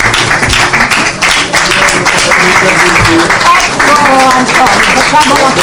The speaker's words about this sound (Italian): Beh, grazie, vuol dire che non siamo caduti nell'inganno della stampa. Vi faccio un applauso.